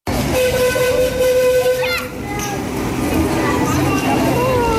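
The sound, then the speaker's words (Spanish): A train's horn sounds a steady, loud tone for about two seconds over the rolling rumble of the passing train in Sóller, crowded with people during high season, while voices and children's chatter carry on. “Mucha gente en el tren, autobuses y coches de alquiler que siguen entrando al municipio.”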